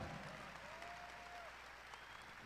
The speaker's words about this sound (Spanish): Un aplauso.